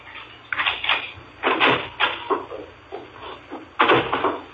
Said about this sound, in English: Mrs. Morris heard him chuckle, then his steps up the walk to the front door.